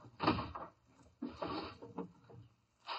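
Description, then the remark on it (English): A bottom kitchen drawer slides open, followed by rummaging for big paper bags as things inside are shuffled and rustled about in a few scraping bursts with short pauses between them. “Well, look in the bottom drawer there.”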